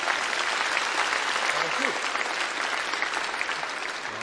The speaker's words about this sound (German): Nochmal einen Applaus für unseren Pauker, bitte.